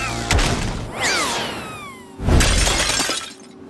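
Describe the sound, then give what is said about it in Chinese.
A fragile antique shatters with a loud crash, followed by bright ringing and scattering fragments, then a second heavy smash a moment later. No voices are heard. “白天就是你弄碎了我的古董，现在还敢来？”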